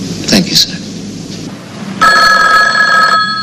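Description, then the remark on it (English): A telephone on an office desk rings loudly with a bright, steady electronic trill lasting about a second, preceded by brief rustling and background noise. “Just about to leave her office, a curly-haired woman turns back to her desk and picks up the phone.”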